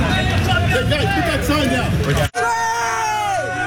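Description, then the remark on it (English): A protest crowd on Bloor West in Etobicoke yells expletives at police officers as a protester is taken away, many raised voices shouting over each other in a loud, continuous hubbub, broken by a split-second cutout before the angry yelling resumes. “The protester taken away as several from the crowd yell expletives towards officers.”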